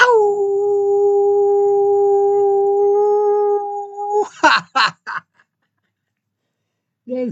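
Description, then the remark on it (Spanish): A person gives a long, loud, steady howl as a greeting to radio listeners, holding one pitch for about four seconds, dropping slightly, then breaking into a few short yelping bursts before a brief pause and one last short cry. “A todos mis amigos radioescuchas de todo el mundo, quiero regalarles un gran aullido.”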